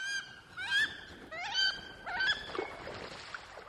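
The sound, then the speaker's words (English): A wood duck gives a quick series of rising, squealing calls, four or five in a row, loud, with no one talking and a rougher rustle near the end. “Or you could build a house for wood ducks and mount it on a pole.”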